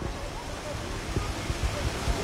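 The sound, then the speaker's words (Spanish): Steady, dense hiss of rain falling outdoors at the finish line of a race, broad and even throughout, with a few soft low thumps and a faint murmur of voices underneath. “¿Podemos abrir ese micrófono? ¿Solo abrirlo? Lo que es aquí en meta llueve menos. Mira, vamos a escuchar si queréis.”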